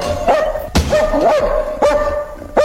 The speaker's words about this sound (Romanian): De ce m-a latrat atâta câinele